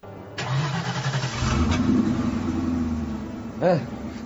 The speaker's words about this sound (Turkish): Hadi çalıştır bakalım kamyonu. Tamam.